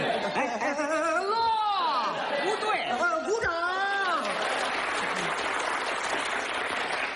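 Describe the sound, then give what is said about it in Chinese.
An audience applauds steadily, with laughter and lively voices rising over the clapping at first, then dense, even applause continuing on its own toward the end. “我们领导说了，这里是长时间鼓掌。”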